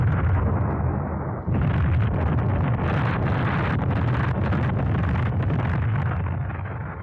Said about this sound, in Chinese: 就从这儿开始，村庄里就雷声隆隆，此伏彼起，连绵不断。不管是在屋里屋外、房上房下，还是在墙头井边、鸡窝猪圈，哪儿都是爆炸的地雷，到处都成了敌人的坟场。